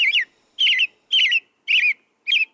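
A robin sings alone, clear: five short, warbling whistled phrases, each rising and falling, delivered at a steady pace with brief silent gaps between them.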